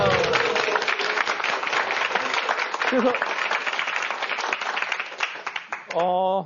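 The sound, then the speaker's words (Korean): An audience applauds at the lecture program Mansahyeongtong in a dense, steady wash of clapping for several seconds, with a few voices calling out over it before a voice speaks up as the clapping fades at the end. “일단 박수 한번 주세요.”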